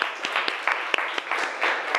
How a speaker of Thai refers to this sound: ขอเสียงปรบมือดังๆให้เพื่อนของเราด้วยนะคะ